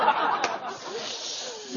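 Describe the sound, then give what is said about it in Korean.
A steady, breathy hiss like a rattlesnake, voiced by a person and held for about two seconds at moderate loudness, with faint murmuring behind it. “근데 목사님이 진짜 설교 준비 막 금요일부터 했는데 막 교인들이 저 말은 이거 뭐예요? 방울뱀이에요?”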